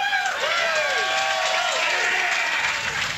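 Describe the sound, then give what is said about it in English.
A live radio show audience cheers and applauds loudly and continuously on a rainy Friday morning, with whoops and shouted voices rising and falling over a dense wash of clapping. “It is pouring rain, and there are people who've come. So I'm taking up for this crowd.”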